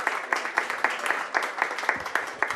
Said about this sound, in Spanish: Aplausos, gracias